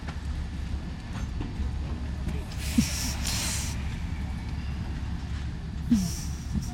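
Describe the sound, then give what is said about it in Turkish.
A steady, loud rumble of a train at a station, with bursts of hissing air and a couple of brief squealing tones rising over the low mechanical drone. “Pekala, treni kaçıracaksın.”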